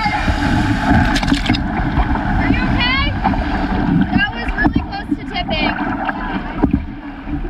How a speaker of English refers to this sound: On Lake Winnipeg, they paddled through large waves and almost capsized.